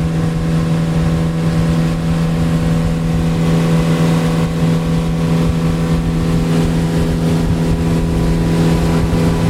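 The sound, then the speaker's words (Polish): A motorboat engine drones loudly and steadily as the boat travels on a river toward the Acininga River, its deep tonal hum holding throughout with a faint rise as the throttle is opened and it gains speed, water noise blended in and no voices. “Nawet nasz sternik miał dzisiaj problem, żeby znaleźć, jak, w jaki sposób, w którym miejscu płynąć do rzeki Acininga, ale teraz widzę, czuję się bardziej pewnie i przyspiesza. Dodaję gazu.”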